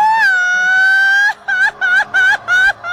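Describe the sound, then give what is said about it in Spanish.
A traditional Mexican grito: one long, loud, high-pitched held cry, then four quick rising yips in a rapid rhythm, voiced alone. “Oye, y deja de eso, es que también quiero preguntarte a ti, échate tu grito mexicano.”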